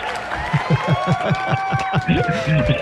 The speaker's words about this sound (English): Well, listen, before you start anything, I've got a crowd here. They're just going to applaud you and cheer you in.